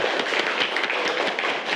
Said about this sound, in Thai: โอเคปรบมือให้กับตัวเองทุกคน